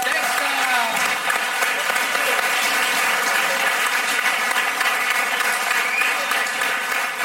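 Sustained applause from an audience at a show, a dense, steady clatter of many hands clapping at once for the Fakir's act, fairly loud and continuous throughout with no pauses.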